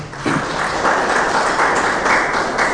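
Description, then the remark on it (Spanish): A crowd applauds the Lord and his word after a Bible reading, a dense, loud wash of clapping that starts abruptly and holds without a break. “Vamos a darle un fuerte aplauso al Señor y a su palabra.”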